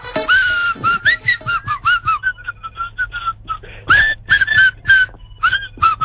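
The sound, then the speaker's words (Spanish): A radio contest caller whistles the 104.9 FM El Patrón station tune, a lively, clear melody in quick rhythmic phrases with short breaks between notes and a faint low hum underneath; no one speaks. “Ahora chiflado.”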